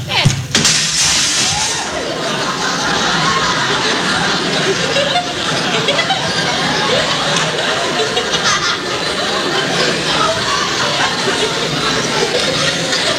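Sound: window glass breaking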